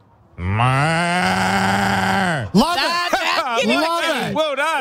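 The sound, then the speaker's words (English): A man gives one long, loud, low mooing imitation of a cow, held steady for about two seconds before trailing off, followed by lively voices talking. “Can you give us a moo?”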